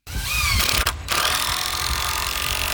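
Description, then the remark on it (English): Workers construct an arched wooden door on a formerly vacant lot on Beale Street in Quincy: a steady, loud mechanical whir of power tools with a brief break partway through, then continuing. No one speaks. “Workers construct an arched wooden door on the other side.”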